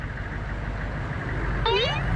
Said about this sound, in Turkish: Yakınlardan geçen bir kamyon var demek ki. Birazdan uzaklaşır, merak etme.